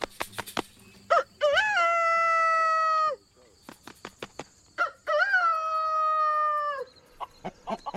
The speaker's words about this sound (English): The rooster's main call is he makes a crow sound, which is. Most of the time he flaps his chest before he crows.